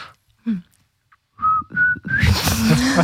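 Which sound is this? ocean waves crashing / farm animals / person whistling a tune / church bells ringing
person whistling a tune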